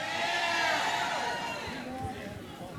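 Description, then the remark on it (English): A large morning crowd at a Cincinnati Music Festival event cheers and chatters loudly, a dense, steady wash of many overlapping voices that eases off slightly toward the end. “It's a good turnout here this morning,”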